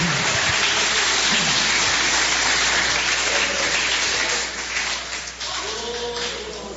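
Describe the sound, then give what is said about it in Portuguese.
An audience inside a church claps steadily for Jesus, a dense crackle of many hands that dips briefly near the end before swelling again, with faint voices mixed underneath. “Assentando-se, ocupe as mãos, aquelas palmas bem bonitas para Jesus.”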